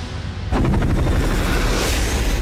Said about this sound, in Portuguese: A explosão é amarela.